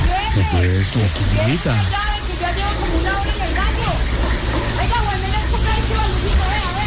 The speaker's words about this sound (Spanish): una señora toda desconsidera, dice que abrió esa canilla y todo, y eso ahí llenándose